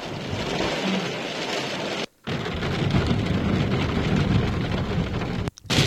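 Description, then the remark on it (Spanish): Heavy rain from a thunderstorm with warm downbursts pours down in a dense, steady roar with low thundery rumbling beneath, broken by two brief silent gaps; no voices are heard. The storm is hitting the northwest of the Region of Murcia and the north of Lorca, Spain, including areas of Caravaca de la Cruz, Cehegín and Moratalla. “Tormentas y reventones cálidos descargan con fuerza en el noroeste y el norte de Lorca.”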